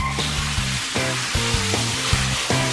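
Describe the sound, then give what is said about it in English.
Shower water runs in a steady, even hiss that fills the whole clip, with a rhythmic pattern of low tonal notes pulsing underneath. No one speaks. “Oh wait, I hear the water.”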